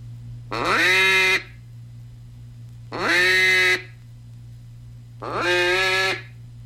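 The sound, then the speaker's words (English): Three long, loud hen-mallard quacks blown on a duck call, evenly spaced with short pauses between, each note sharply cut off, over a faint steady low hum. “Some hen call.”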